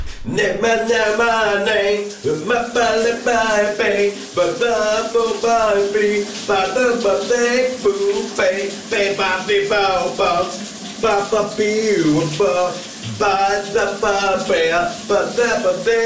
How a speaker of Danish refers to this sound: giver os lidt skønsang, når han går i bad. Og det er altså ret god til. Her til morgen er der så meget styr på rytmen.